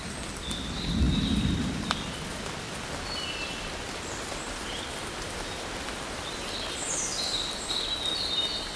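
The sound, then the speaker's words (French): Scattered raindrops patter steadily through a low, rumbling thunderstorm, with a deeper roll of thunder early on and birds chirping faintly. No one speaks. “Quelques gouttes de pluie.”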